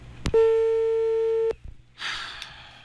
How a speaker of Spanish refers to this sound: Aló. Buenos días. Teléfono. Ridículo. Aló.